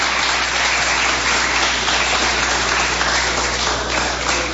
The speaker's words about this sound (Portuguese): Palmas bem fortes e alegres para Jesus.